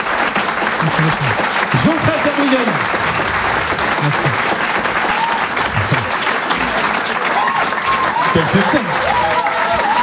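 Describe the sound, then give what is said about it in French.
Sustained audience applause fills the whole clip as a dense, steady wash of clapping, with a few brief cheers and voices rising above it. “On va l'applaudir très très.”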